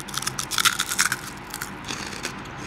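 Crunching as someone bites into sea-salt flavoured crispy fish-skin crisps: a quick run of crackly, brittle crunches, loudest in the first second, then softer, sparser chewing crunches with no talking.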